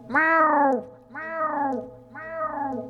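A black cat gives three drawn-out meows in a row, each rising then sliding down in pitch, loud, with short pauses between them and no talking.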